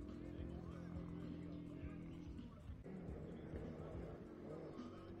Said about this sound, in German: Und jetzt kommt das Auto, jetzt bin ich gespannt. So, jetzt Achtung, Achtung, Achtung, es wird laut.